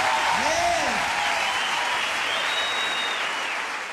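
A loud, dense burst of audience applause fills the whole clip, steady, easing slightly at the end, with a brief swooping whistle-like tone near the start.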